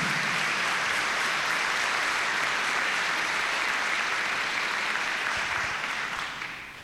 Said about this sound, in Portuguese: A salva de palmas aos nossos jovens, né?